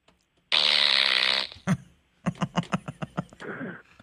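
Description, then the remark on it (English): A loud, buzzy fart-machine blast lasting about a second, then a rapid string of short sputtering pops and a final raspy trailing burst, all prominent. “I'm never washing this fart machine.”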